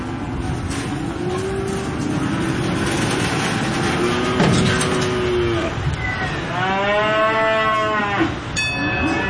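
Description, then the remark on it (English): Cattle moo repeatedly in a crowded pen at a livestock auction, several long lowing calls overlapping, with a steady background rumble of engines and shuffling. No one speaks. “We average between 5 and 600,000 cattle through here for the last 10, 15 years.”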